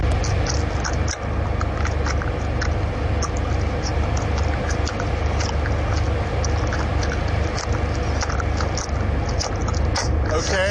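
Loud chewing with wet, crunchy mouth sounds repeating steadily over a constant hum of background noise, with no talking, as a cat's owner chews food out loud.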